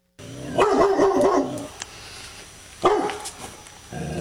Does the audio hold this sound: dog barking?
yes